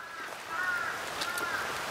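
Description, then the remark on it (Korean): Crows, said to have come down from Palgongsan, caw somewhat faintly at Eunhaesa temple: a few harsh, drawn-out calls overlapping across two seconds against quiet outdoor background noise, with no talking. “오늘 은혜사에 들어오니까 막 저 팔공산 까마귀들이 이쪽으로 다 내려왔나 봐. 어서 오라고 막 반기네.”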